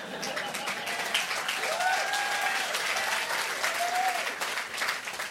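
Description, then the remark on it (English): An audience applauds steadily, a dense wash of many hands clapping at an even, sustained loudness, with a few faint whistles rising through the noise, no speech over it. “Well, then I'll continue for those of you who didn't applaud.”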